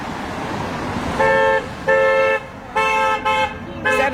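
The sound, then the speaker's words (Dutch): Car horns honk in a series of five loud, steady blasts of varying length over a constant rumble of road traffic on a busy through route, as passing cars, pickup trucks and vans honk in response to a protest against Donald Trump's policies. “En bijna alle auto's reageren op het protest.”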